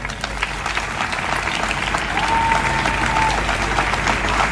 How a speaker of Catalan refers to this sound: Almenys vos demano dedicar-los el més fort aplaudiment de la tarda.